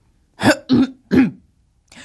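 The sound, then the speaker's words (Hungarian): A king clears his throat in three quick, gruff, loud bursts, followed by a fainter fourth rasp after a short pause. “Összefonta karját, sötét tekintetet vetett a szakácsnéra, storkát köszörülte.”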